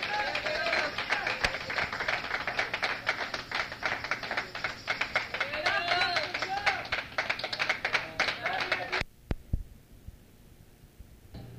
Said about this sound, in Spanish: Bueno, pues otro aplauso a nuestro Rey, hermanos. Gloria a Dios, gloria a Dios.